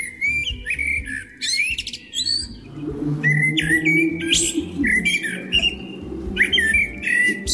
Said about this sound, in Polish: Jeżeli chodzi o konkrety, najbardziej podobał się śpiew kosa.